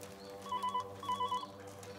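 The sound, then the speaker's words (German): A telephone rings in two short warbling bursts, a trilling electronic ring repeated rhythmically, fairly clear against a low steady hum in the background. “Ja, jetzt gehen Sie schon ran. Die Kuh braucht Ruhe.”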